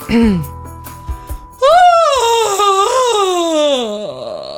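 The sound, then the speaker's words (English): A person imitates a loud, drawn-out yawn: a brief vocal sound, a short pause, then a long, strained groan that wavers and slowly slides down in pitch for nearly three seconds. “That's a yawn. A loud yawn.”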